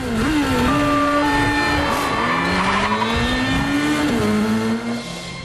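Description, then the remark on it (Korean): A motorcycle engine roars loudly as it speeds away into a back alley, fleeing police cars blocking the road. Its pitch rises and shifts, with tires squealing against the road, continuous for several seconds and easing off slightly at the end. “에단은 경찰차들이 앞을 가로막자 뒷골목으로 빠져나간다.”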